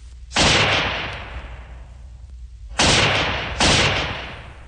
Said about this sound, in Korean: 갑자기 귀척을 찢는 듯한 총소리가 울리며 총알이 머리 위로 지나갔다.